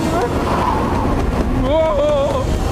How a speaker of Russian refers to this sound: Ветер слишком сильный.